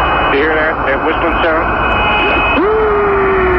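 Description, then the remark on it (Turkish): Eerie, warbling whistle-like tones over a steady radio hiss, the strange 'music' heard by Apollo 10 astronauts on the far side of the Moon more than forty years ago, out of radio contact with Earth, with short gliding pitches that settle into one long sustained tone. “Kırk yıldan fazla bir süre önce ayın karanlık yüzüne yolculuk yapan astronotlar, bırak dünyayla hiçbir irtibatları olmadığı sırada tuhaf bir müzik sesi duydukları ortaya çıktı.”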